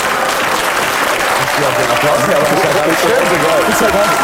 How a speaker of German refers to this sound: so viel Applaus gratis kriegt man normalerweise gar nicht